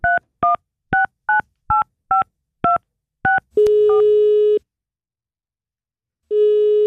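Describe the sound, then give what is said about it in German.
A telephone is dialled to call an indie-pop band: a quick run of about nine touch-tone dial beeps, each a short two-note chirp, followed by a steady electronic call tone that stops, pauses, then sounds again. No voices. “Da nehmen wir auch mal das Telefon in die Hand und läuten irgendwelche Indie-Pop-Bands an für euch.”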